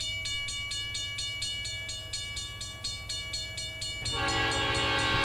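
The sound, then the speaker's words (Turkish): A train rolls past with a steady, rhythmic clatter of wheels and a sustained horn tone, then a louder, brassier horn blast bursts in near the end. “Tren geliyor, tren.”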